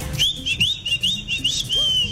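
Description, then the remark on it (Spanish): A person imitates the whistle of a street vendor who sold papitas in the Las Palmeras, Cerezo, Nuevo Paraíso and Fredonia area: a quick string of about seven short, bright rising notes in a steady rhythm, clear, with no talking. “El man vendía particular, hacía chiflaba, particularmente chiflaba.”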